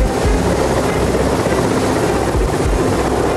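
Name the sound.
helicopter flying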